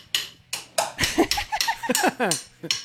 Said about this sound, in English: We're still getting set up here. We've still got some construction noises.